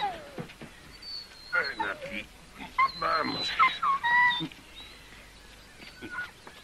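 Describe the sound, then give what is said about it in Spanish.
A dog on a road growls and snarls in uneven bursts, its rough rumbles mixed with higher whining tones over a few seconds, as it is told to get down. “Está bien, perro, baja de ahí.”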